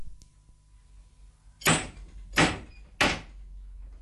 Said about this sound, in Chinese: 好，你拍门啦。